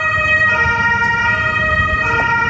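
An emergency vehicle siren sounds loud, holding a steady high tone over the low rumble of an idling engine and road noise, at the scene where a residential building collapsed after an explosion on Moltke-Straße in Görlitz city centre, Germany, with fire brigades and ambulances on site.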